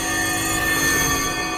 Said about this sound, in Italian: le campane.